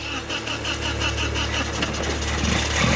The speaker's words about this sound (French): Et voilà. Le moteur parle. Sacré bestiole. C'est cool.